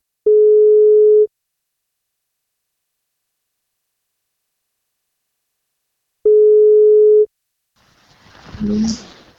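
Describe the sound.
A phone's ringback tone as a radio show calls a listener for a birthday wake-up call: two steady, mid-pitched beeps about a second long, separated by a long silent pause, followed by a voice answering at the end.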